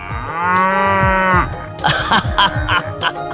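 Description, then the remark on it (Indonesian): A water buffalo lets out a long, steady, drawn-out moo, then follows with a series of shorter, rough, huffing bellows, loud with no one talking. “Kerbau-kerbau kita semakin banyak.”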